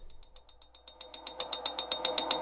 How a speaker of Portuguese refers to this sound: Peraí. Estão ouvindo esse barulho aí? Sério, sou só eu que tô ouvindo? Você aí no carro, tá ouvindo essa bateção de pino?